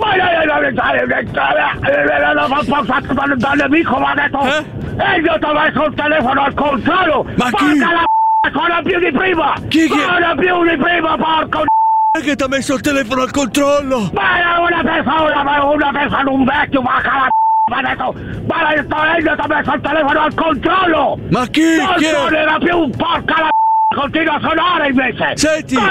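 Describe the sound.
A telephone ringing tone on the line as someone phones the control office: short, steady single-pitched bursts repeating every few seconds, surfacing in brief gaps of a loud, continuous stream of voices and background sound.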